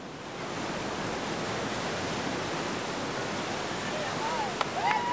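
Steady, loud rushing water of an artificial surf wave fills the whole stretch, a broad continuous roar like churning surf, with faint higher tones briefly rising near the end.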